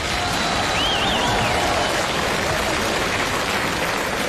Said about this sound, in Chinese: 哎呀，看见此起彼伏的掌声了？ 看见了。 哎呦，这种互动的感觉，嗯，享受过吗？